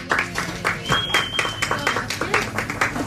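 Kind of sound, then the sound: crowd, applause and clapping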